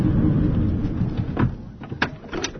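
A car door shuts with a solid clunk as a person gets out of the car on arriving at the Social Bite Village by the seaside, followed by a couple of sharper knocks, after a low rumbling hum fades away; fairly loud, with no talking.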